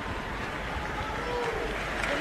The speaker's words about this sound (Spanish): Fuerte ese aplauso, una gran voz.